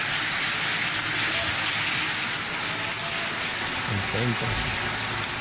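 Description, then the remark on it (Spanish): Steady, dense applause from the benches and guests fills the chamber of Peru's Congress after a speech, a loud continuous wash of clapping hands with no break, while a voice briefly speaks over it near the end. “El aplauso del hemiciclo, el aplauso de los invitados, de las bancadas y la mayoría que se quedó.”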